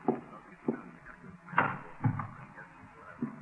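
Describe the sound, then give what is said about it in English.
A bedroom door opens, with a handful of short wooden clunks and rattles from the latch and hinges spread over a few seconds, no voices. “Where's that door lead over here? Bedroom. All right. If I take a look? Well, go ahead.”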